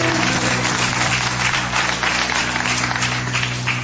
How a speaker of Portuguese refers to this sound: Palmas ao nosso Jesus, exclusivamente a Ele.